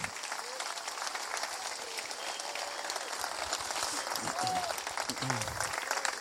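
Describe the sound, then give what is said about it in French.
Sustained audience applause for the coordination team of a pilgrimage, a dense steady wash of many hands clapping for several seconds, with faint voices and a few brief calls rising above it. “Je vous invite à les applaudir.”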